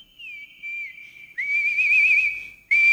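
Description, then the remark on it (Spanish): A person whistles a lively carnival tune, a clear wavering melody with a long sustained note and then a quick, louder trill, alone with no talking. “¿Les ha gustado? Dice la silbada de mi chulupía.”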